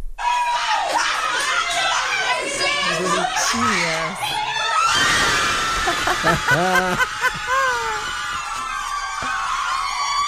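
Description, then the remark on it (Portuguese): A group of nuns erupts into loud, high-pitched cheering and screaming midway through as they celebrate the Brazilian national football team's second goal, with excited shouts and laughter continuing after some earlier chatter and giggling. “Nossa produtora Laura Cruz separou um vídeo de umas freiras comemorando o segundo gol da seleção brasileira.”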